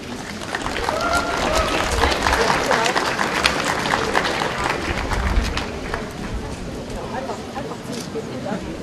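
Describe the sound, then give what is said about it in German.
An audience applauds steadily for several seconds, a dense wash of many hands clapping at once, strongest in the middle and thinning slightly toward the end, for six pictures made by school pupils on the theme of tolerance. “Und das in ganz unterschiedlicher Art und Weise und ich denke, Sie dürfen dann nochmal klatschen.”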